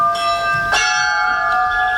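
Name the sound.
church bells ringing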